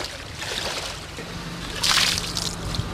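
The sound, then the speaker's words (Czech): Splashing and sloshing of water as someone wades through knee-deep floodwater in České Budějovice, Czech Republic, with a louder burst of splashing midway over a steady watery wash. “Vstříc českobudějovické povodni.”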